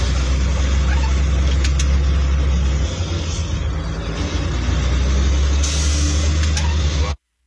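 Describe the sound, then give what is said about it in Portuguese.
Heavy trucks rumble past, heading north on the BR-101 highway after the Iveco, a loud, steady low engine drone with road noise that holds for several seconds, broken by a brief hiss near the end, before cutting off abruptly. “Depois da Iveco aqui, caminhões aqui, sentido norte.”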